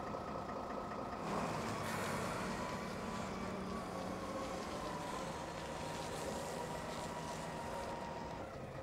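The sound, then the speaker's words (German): The heavy engine of a container stacker at a boat harbour drones steadily as it lifts a boat into the water, with broad rumbling noise and a slight surge after the first second, continuing without pause and with no voices. “Wie die Moorhexe jetzt, werden im Frühjahr damit alle Boote wieder ins Wasser gehoben.”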